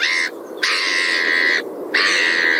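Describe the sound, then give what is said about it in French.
Seagulls call out in three loud, drawn-out, harsh cries, one after another with brief gaps, with no talking. “Merci beaucoup Fred Ballard, les jolies mouettes dis donc.”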